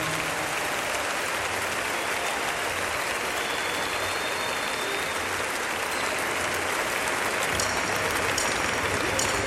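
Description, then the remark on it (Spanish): A large audience claps steadily and loudly for a man, a dense wash of hand claps that holds without pause for the whole stretch, with a faint murmur of crowd noise beneath. “Le más fuerte las palmas a él.”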